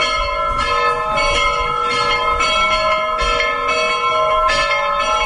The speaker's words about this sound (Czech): Ovako je pozivalo zvono Pečujskog srpskog pravoslavnog hrama na proslavu zaštitnika svetinje, svetitelja, srodnika apostola Pavla i njegove pomoćnice, svetog Andronika i Junije.